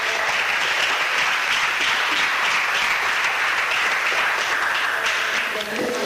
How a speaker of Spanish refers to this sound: De un aplauso al Señor esta tarde.